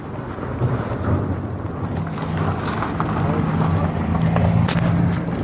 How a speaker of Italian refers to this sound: Al tempo era passata una macchina.